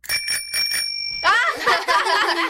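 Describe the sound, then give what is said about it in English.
A tricycle bell, rung to make a phone ring while practicing answering calls, trills loudly in quick, rhythmic bursts for about a second, like a ringing telephone, then excited voices break in as the ringing fades. “came up with the idea of using a tricycle bell.”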